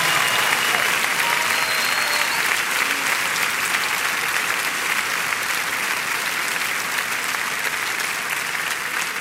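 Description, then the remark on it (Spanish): An audience claps loudly and continuously for the Lord in worship on an evening, a dense, steady wash of many hands with no pauses, holding at the same level for the whole stretch without any speech. “Con ese aplauso levanta tu voz y adórale.”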